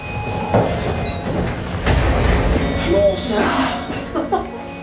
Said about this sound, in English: Okay. Elevator doors open.